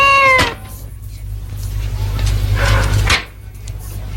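A cat lets out a loud meow, followed a couple of seconds later by a harsher, drawn-out yowl, with a steady low hum in the background.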